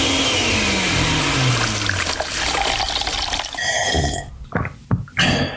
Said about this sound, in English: We take a bunch of hits, old and new, mix in a little indie flair, throw it all in a blender.